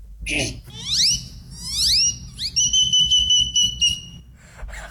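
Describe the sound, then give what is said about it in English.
A person imitates a great-tailed grackle: a brief harsh burst, two rising whistled sweeps, then a long steady high-pitched whistle with a clicky rattle underneath, loud and clear. “I saw this great-tailed grackle, then I mimicked the great-tailed grackle and mimicked other birds from then.”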